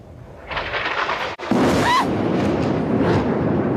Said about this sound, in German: Am 7. Oktober 2023, nur Stunden nach dem Hamas-Terrorangriff auf Israel, bombardierten die israelischen Streitkräfte unter anderem ein Hochhaus mitten in Gaza-Stadt, gerade als … live auf Sendung war.